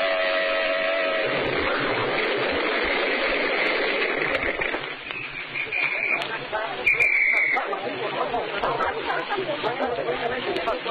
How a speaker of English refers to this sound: I don't care what the Anti-Noise Committee says. Blow your horn and make that fellow get over.